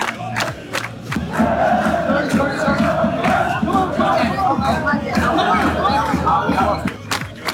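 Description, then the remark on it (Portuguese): A dense, noisy crowd of fans packs the streets of Miami Beach on a hot day, waiting to see the famous 'remada'; continuous loud babble of many overlapping voices, occasional shouts rising above the steady hubbub, with sharp brief knocks scattered throughout. “Loucura completa aqui nas ruas de Miami Beach. Um calor danado, um aglomerado de gente, é todo mundo curioso, tentando trabalhar, tentando ver a famosa remada.”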